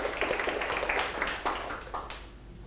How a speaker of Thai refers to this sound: ปรบมือให้กลุ่ม1หน่อยครับ